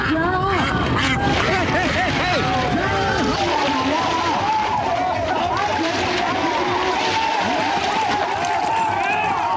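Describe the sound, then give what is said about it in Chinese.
Many ducks quack loudly and continuously, their calls overlapping in a dense racket, during a duck-catching contest, while a lively crowd shouts and chatters underneath throughout. “抓鸭子不光是男士的比赛，不少小姐姐也不甘示弱，真是巾帼不让须眉，只因眼中有鸭。”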